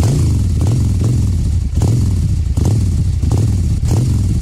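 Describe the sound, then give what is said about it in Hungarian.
A motorcycle engine revs repeatedly, loud, with a throaty low rumble surging in regular bursts about every half second or so; no voices. “Na mutatom, hogy milyen a motor, jó?”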